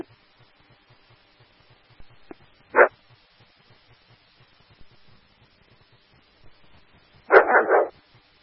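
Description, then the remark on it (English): A dog in the backyard of a two-story single-family house barks once, then after a pause lets out a quick burst of three loud barks over a faint steady low hum with no talking. “The dog is in the backyard and is not friendly.”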